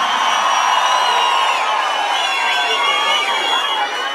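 A crowd cheers loudly and continuously, a dense roar packed with overlapping shouts and high whoops that holds steady for about four seconds without letting up.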